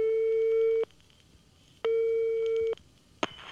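A telephone line tone sounds while calling a school: two steady, clear electronic beeps, each almost a second long with a pause between, followed by a sharp click as the line connects. No one speaks.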